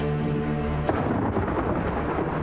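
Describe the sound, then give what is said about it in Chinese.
A low, sustained tonal hum cuts off at a sudden crack of thunder, followed by a loud, steady wash of rain with a deep rumbling underneath. “又下雨了，今天应该没什么事了”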